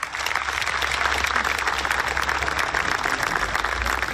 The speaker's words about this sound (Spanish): Solo se necesita voluntad y gente de buen corazón como ustedes que hace empresa y que ayuda con inversión social y que ayuda con la reconstrucción de este país. ¡Un aplauso para la banca!